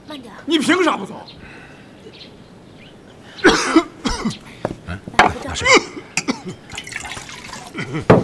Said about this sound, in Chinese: 行了，不就咳嗽两声吗？